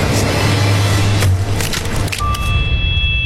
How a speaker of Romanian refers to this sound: Pul, am spart ușa prea târziu.